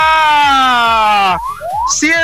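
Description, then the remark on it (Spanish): A loud, wailing siren: one long tone slowly sinking in pitch, then quick rising sweeps as the wail starts over, from an ambulance driving away. “Rumbo, se va la ambulancia, se va.”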